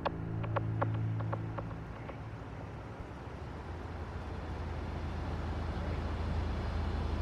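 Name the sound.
car engine humming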